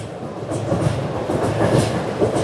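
A train rumbles steadily across a railway bridge built in 1959 over a canal in Xuzhou, China, its wheels clacking in a regular rhythm over a continuous low roar, loud with no voices.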